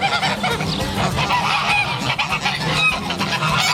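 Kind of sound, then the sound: bird, farm poultry calling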